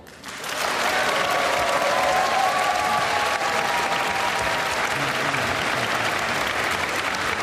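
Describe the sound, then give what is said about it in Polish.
Loud, sustained applause from a large theatre audience, dense clapping that swells in within the first half-second and holds steady with a few faint cheers mixed in. “Teatro zabrzmiały takie brawa, żeby usłyszeli nas w Przemyślu.”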